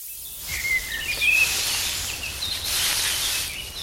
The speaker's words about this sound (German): Mein Lieblingsgeräusch ist, wenn ich draußen bin und es im Gebüsch raschelt und ganz viele Vögel zwitschern. Das finde ich echt schön, denn Vögel zwitschern so schön und es ist dann irgendwie auch ein bisschen geheimnisvoll,